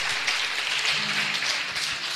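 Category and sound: crowd, audience applauding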